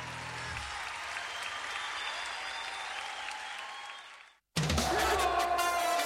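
Steady, loud applause from an audience fills about four seconds with dense clapping, fades out and cuts to a brief silence, then an abrupt burst of louder sound follows.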